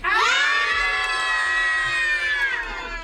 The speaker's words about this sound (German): aber ich habe ja hier, ich bin ja der Chef der Sendung, deswegen dürft ihr jetzt alle mal ganz laut schreien.